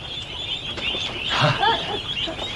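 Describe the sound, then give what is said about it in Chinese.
Ducks quack a few times in quick, nasal bursts against a steady background hiss, loudest in the middle of the moment, with no talking. “鸭子怎么了？”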